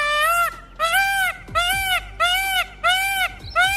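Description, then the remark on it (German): Birds call loudly in the mating season, about six harsh squawks in a steady rhythm, each a short nasal cry that rises and falls in pitch, with no voices. “Bewohner weniger, sie klagen über Vogeldreck, Schäden an Autos und Häusern und Lärm, besonders in der Paarungszeit. Da klingen sie nämlich so.”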